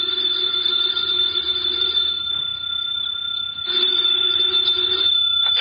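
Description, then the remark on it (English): A telephone bell rings loudly and steadily in two long bursts separated by a brief pause, with a bright metallic jangle and no voices present; it is the phone in a house on Berry Hill Lane. “Later that day, the phone in the Lawrence house on Berry Hill Lane began to jingle.”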